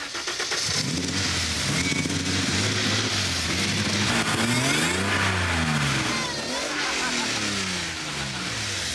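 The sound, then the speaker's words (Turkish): A loud race car engine fires up and revs hard several times, its pitch climbing and dropping in repeated surges over a steady throaty rumble, with no one talking. “Evet, yarışıyorum. Çalıştırabilir misin?”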